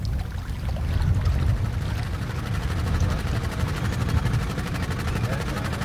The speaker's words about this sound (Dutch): Zacht gezoem van de grote grijpers, de kranen die op de achtergrond aan het werk zijn. Dit is duidelijk werk in uitvoering.